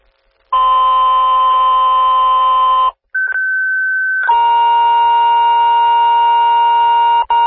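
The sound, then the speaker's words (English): A fire dispatch tone alert for Elkhorn fire, dispatching Engine 261 and Medic 281 to a fire alarm call: a loud sequence of long, steady electronic tones, each held for a couple of seconds before shifting to a new pitch, with no voices. “Elkhorn fire. Engine 261, medic 281, and Elkhorn tone alert.”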